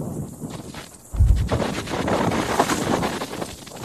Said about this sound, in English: It's like you'll have moments of a punch of wind, and then it'll stop, and then we get another punch of it.